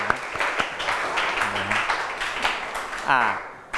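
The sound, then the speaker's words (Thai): A room full of students applauds group 6 for a correct answer in a classroom quiz activity, a dense steady patter of many hands clapping for a few seconds, with brief voices and cheers breaking through near the end. “ถูกต้องปรบมือให้กับกลุ่มที่6”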